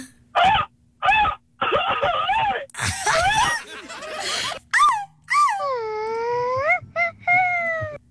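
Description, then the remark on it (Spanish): A voice attempts a Mexican grito: a fairly loud series of high, wavering yelps and wails that sound like a whining puppy, ending in a long, trembling cry. “Ay, bebé, pareces perrito.”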